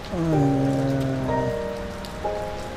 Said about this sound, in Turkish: Yağmur yağıp duran.